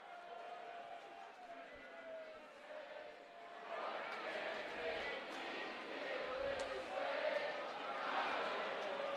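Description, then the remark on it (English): A large stadium crowd of West Virginia Mountaineers fans at a baseball game sings together, finishing off a song, the massed voices reverberant, swelling louder about a third of the way through and holding that fuller roar to the end. “You hear the crowd once again finishing off the song.”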